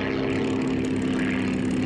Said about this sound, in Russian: Самолеты двойками приземляются.